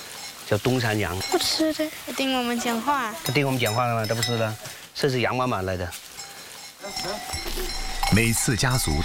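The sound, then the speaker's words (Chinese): Several loud Dongshan goat bleats, quavering and drawn out, follow one another in quick succession, some overlapping, with faint farmyard rustling and clinking underneath, at a family farm halfway up a mountain. “知道这个叫什么羊吗？ 不知道。 东山羊，知道吗？”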